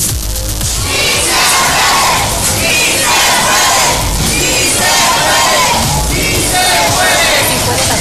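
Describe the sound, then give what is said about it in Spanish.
A large crowd of shop tenants chants the slogan "sí se puede" in loud, rhythmic bursts, voices rising and falling together in repeated waves, with scattered shouts between the chants, as they remove barriers on Calle de Motolinía while security officers put them back. “En la calle de Motolinía, los locatarios quitaron vallas al grito de sí se puede, mientras elementos de seguridad las recolocaron para finalmente dejar un acceso controlado.”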